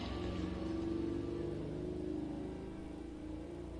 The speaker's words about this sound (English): And of course, we have the natural AC going here. Doors and windows are open, so you will hear cars and motorcycles hiss by my window.